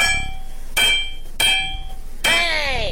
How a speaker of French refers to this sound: Mais c'était le marteau, bien sûr.